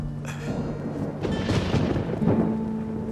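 Low, rolling thunder rumbles as rain starts to fall, its steady hiss swelling louder as the rain gets heavier, with no voices, just the storm building for a few seconds.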